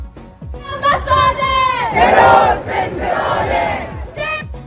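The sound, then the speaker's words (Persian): A large crowd of Iranians living in Sweden chants together in loud, rhythmic unison at a rally in Stockholm, held for the 255th consecutive day, voices rising and falling in repeated shouted phrases, with no pause across the whole stretch. “تجمع ایرانیان مقیم سوئد برای 255مین روز پیاپی در استکهلم.”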